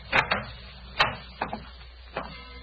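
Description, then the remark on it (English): A door to a bedroom being opened: a series of sharp latch clicks and knocks, about five or six spaced irregularly over a couple of seconds, moderately loud, with no voices. “Where does this door lead to?”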